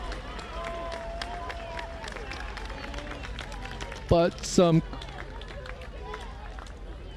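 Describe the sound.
Scattered clapping and cheering from the Stanford squad over steady outdoor crowd noise at a match, with a man's voice briefly speaking partway through.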